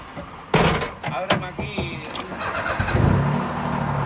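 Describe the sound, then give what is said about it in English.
A tour guide's car engine in Havana, Cuba, cranks with a few sharp mechanical clatters, then catches and settles into a steady, low running rumble. “On one of my trips to Cuba earlier this year, a tour guide took me around the empty streets of Havana in his car to show the total collapse of the tourism industry amid the fuel embargo.”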